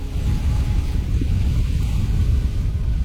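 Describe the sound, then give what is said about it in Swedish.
Strong, icy cold wind roars steadily on a hilltop by a lighthouse on the island of Fjuk, buffeting the microphone with a deep, rumbling gust that never lets up for the full few seconds; no voices are heard. “Vinden uppe på höjden blåser fullkomligt iskall.”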